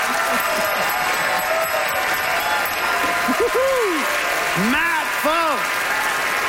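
An audience votes by applause in a debate on whether dipping sauce is best, clapping steadily and loudly throughout in a dense wash, with several rising-and-falling whoops and cheers breaking out over it in the second half.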